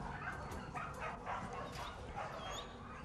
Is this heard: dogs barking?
yes